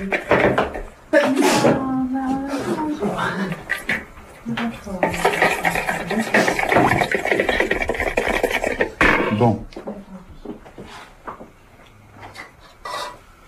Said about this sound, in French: C'est beau ce son. C'est moi quand je fais la salade, je suis plus musicien.